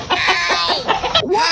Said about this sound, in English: Your chicken just pecked me right in the keister.